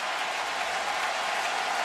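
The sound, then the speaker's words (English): A steady, dense roar of a baseball crowd in Atlanta rising, cheering and clapping for a strikeout by the Braves against the Dodgers, loud and unbroken for the whole stretch, with no voices standing out above it. “Well, the crowd rising in Atlanta.”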